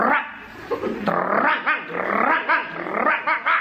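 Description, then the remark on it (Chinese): A human voice imitates a dog greeting old neighbors at the entrance of a hutong. It alternates rough, throaty growls with a series of sharp barks in an uneven rhythm, loud, with no other talking. “一看老街坊在这儿，这条狗主动上前打招呼。 怎么打的招呼？”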